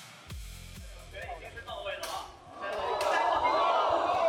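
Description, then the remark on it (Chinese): Several heavy, dull impacts thump in quick succession near the start, low and resonant as one all-metal T800 humanoid robot with an aluminum-magnesium alloy shell punches another in an octagonal cage ring at Shenzhen Nanshan Cultural and Sports Center, followed by a swelling crowd roar that builds and stays loud. “大家听到了吗？这是金属砸在金属身上的闷响。”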